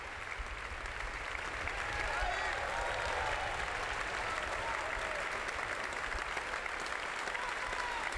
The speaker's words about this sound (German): Das Publikum hier in der Stiftskirche Melk ist begeistert. Ja, und wie Sie hören, spendet es großen Beifall für all die Mitwirkenden dieses